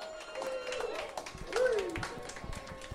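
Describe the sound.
Scattered audience clapping at a bar called My Bar crackles steadily for a few seconds, with a sliding whoop or whistle rising over the applause partway through and faint crowd voices underneath.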